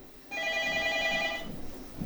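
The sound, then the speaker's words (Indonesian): A telephone rings once on a mobile phone call line with a steady, electronic buzzing tone lasting about a second, clear and fairly loud over a low background murmur. “Kita sapa yang di line telepon HP.”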